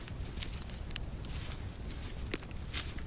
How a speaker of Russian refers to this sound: подкладывает хворост в небольшой костер.